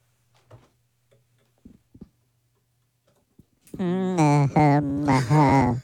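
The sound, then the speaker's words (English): A few faint ticks and clicks, then a loud, buzzy human hum made through a voice changer, imitating a hummingbird moth's wings, held for about two seconds in pulsing, wavering bursts. “It's not easy to hum on the voice changer.”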